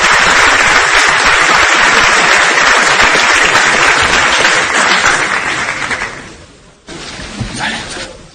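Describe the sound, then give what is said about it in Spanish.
Loud, dense applause from a crowd in an auditorium at a hotel in Madrid as Florentino Pérez comes out applauding, many hands clapping in a continuous roar that fades out near the end, followed by a brief burst of voices and a few scattered claps. “ahora sale Florentino Pérez aplaudiendo al auditorio en este hotel de Madrid.”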